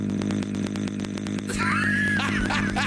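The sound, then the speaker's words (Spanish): A voice imitates a chainsaw engine loudly, first with a rapid sputtering idle, then revving into a high, wavering whine for the final second and a half. “Oye, güey, si le hace igualito que motosierra. Vos de motosierra, güey.”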